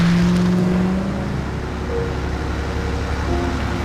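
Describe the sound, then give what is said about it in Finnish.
Steady low engine rumble and road noise from inside a moving car, a continuous droning hum with a faint tonal whine, fairly loud and unbroken, with no voices. “Yhtäkkiä ajomatkalla muhun iskee väsymys.”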